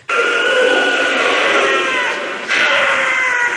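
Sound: wild cat scream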